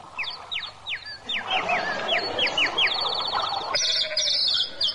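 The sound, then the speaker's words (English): Several sheep wearing tin helmets, used as a diversion, bleat over one another in a steady chorus, while quick repeated chirps ride on top throughout; no one speaks. “Now, look here, you sheep. Don't you go shaking those tin helmets off.”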